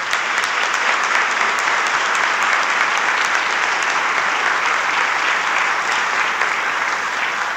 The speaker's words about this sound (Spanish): Entonces yo les pido, con mucha humildad, porque no está viendo en este minuto, démosle un fuerte aplauso a Jaime, que está en el hospital.